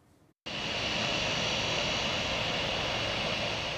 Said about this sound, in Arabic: رصد مراسل تلفزيون سوريا هبوط أول طائرة في مطار دير الزور الدولي لرحلة داخلية قادمة من دمشق، واستطلع آراء بعض المسافرين.